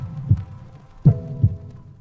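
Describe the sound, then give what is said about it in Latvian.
Low, thumping heartbeats: a lub-dub pair followed by another single thud, deep and muffled with a soft hum beneath, played on its own without any voices. “Dzirdi savu sirdi!”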